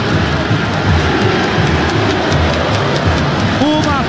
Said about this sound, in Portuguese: Muito bem, as mudanças do time do São Paulo, pega um pênalti a goleira Carlinha e o Morumbi vai abaixo, ouça a torcida que conduz.